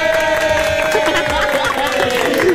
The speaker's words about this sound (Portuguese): Graças a Deus, salva de palmas!